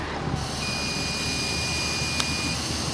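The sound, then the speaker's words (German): Steady, breathy rushing of someone blowing into a breathalyzer, with a thin continuous high beep running underneath, then a single sharp click shortly before the blowing ends. “Ich hab's in so ein Gerät und puste einfach mal rein, weil, naja, ich hatte gestern vielleicht auch das ein oder andere Bierchen, deswegen puste ich jetzt auch mal rein.”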